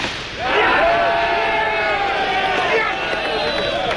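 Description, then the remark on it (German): A large crowd at a Schützenfest (shooting festival) in the Paderborn and Höxter districts of Germany erupts into loud, sustained cheering and shouting, many voices overlapping in a dense roar that holds steady for several seconds after a brief quieter start. “Manchmal gab es aber auch keinen Jubel.”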